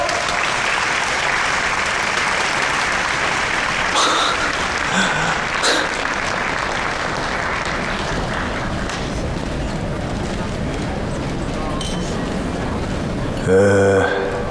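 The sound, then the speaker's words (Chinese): Sustained applause from guests welcoming a young master onto the stage to give a speech, a dense, steady clatter of many hands clapping throughout, with a brief louder burst near the end. “各位来宾，下面让我们大家用热烈的掌声欢迎迟少爷上台致辞。”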